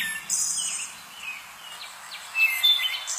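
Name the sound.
wood thrush song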